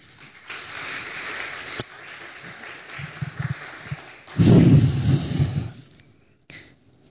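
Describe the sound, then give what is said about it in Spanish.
Congregation applause for the Lord, a steady wash of clapping from many hands that swells to a louder burst around the middle, then fades out. Faint rumbling mixes in underneath, and no one speaks. “Le invito a que dé un fuerte aplauso al Señor.”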